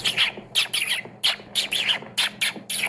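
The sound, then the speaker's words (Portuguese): Someone imitates a dolphin's call with a run of about nine high, squeaky chirping bursts in a quick, uneven rhythm, fairly loud and with no talking around them. “Golfinho assim, ó. Golfinho é como?”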